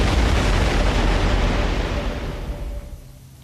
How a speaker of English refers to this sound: Mount Zeno. Stand back, everybody. Is about to explode. Oh, God, just gonna blow.